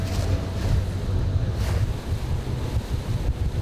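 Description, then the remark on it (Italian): Steady outdoor sea ambience on the Mediterranean a few miles from Lampedusa, at an Enea oceanographic buoy measuring pressure, salinity and temperature: waves washing and wind buffeting the microphone with a heavy low rumble, continuous and fairly loud throughout, with no voices. “Per capire come cambia il Mediterraneo bisogna venire qui, a poche miglia da Lampedusa.”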